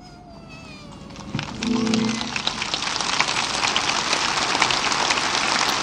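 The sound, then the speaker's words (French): A large crowd bursts into applause as the Pope finishes his homily. The applause swells after a brief high tonal sound at the start, then holds as a dense, steady roar of clapping until the end, with no talking. “Le pape vient de terminer son homélie. Et c'est sous les applaudissements que nous pouvons retenir quelques paroles.”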